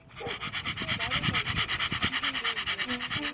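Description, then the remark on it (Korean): A dog named Ddangkong pants heavily and fast on a countryside walking path, a steady run of quick, raspy breaths, with faint voices murmuring underneath. “낭만 있는 시골 산책길에 땅콩이의 숨소리가 가득 찹니다.”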